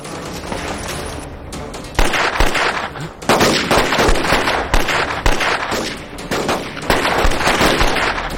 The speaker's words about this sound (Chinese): 我知道他们在这里，给我打！ 枪声好像从那边传过来的， 走，去看看。